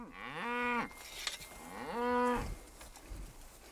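A herd of cattle being moved lowing: two long, deep moos, each rising then holding a steady harmonic tone, with a soft rustle between them and a brief low grunt at the end. No talking.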